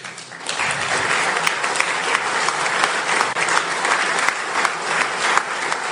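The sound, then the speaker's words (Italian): Steady audience applause in tribute to a group's international work defending fundamental freedoms fills the whole stretch, a dense wash of many hands clapping at an even, sustained loudness with no voices rising above it. “È un lavoro che fanno a livello internazionale, è un lavoro pregiatissimo, importantissimo per tanti di noi, e credo che vada anche tributato loro un applauso per quello che fanno a livello internazionale.”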